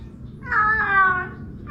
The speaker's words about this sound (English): You can hear the Aussie twang in the meow. It's almost saying stone the flaming grass. I thought that was an elderly Romanian woman. I'm pretty sure I heard a crikey in there as part of the meow.